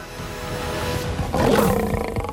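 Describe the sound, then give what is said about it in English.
A lion named Madumo growls ferociously, a deep rumbling roar that swells louder halfway through and stays harsh and sustained to the end, with no talking over it. “Madumo growls ferociously.”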